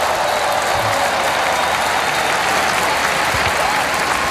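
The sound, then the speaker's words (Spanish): Sustained applause from a large crowd, joined by the Pope, the King and Queen, the archbishop of Barcelona, Spain's prime minister and the president of the Generalitat at a ceremony in Barcelona: a dense, steady wash of loud clapping with no pauses, with faint murmurs of voices mixed in. “El Papa aplaude junto a los reyes, el arzobispo de Barcelona, Pedro Sánchez y el presidente de la Generalitat”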